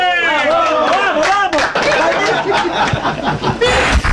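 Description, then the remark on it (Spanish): Bright, cheerful laughter and voices at the start give way to a burst of steady, dense clapping from a group, with chatter and giggles continuing underneath. “acá aplaudiendo felices, qué lindo.”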